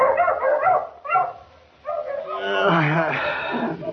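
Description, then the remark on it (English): Several dogs of a sheep rancher bark fiercely outside a little trailer house, two sharp bursts followed by a sustained, overlapping stretch of agitated barking and yelping. “Suddenly the savage barking of his dogs outside the little trailer house awakened him from his slumber.”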